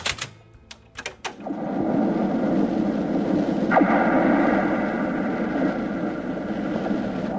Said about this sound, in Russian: Это звенят от ветра провода антенн.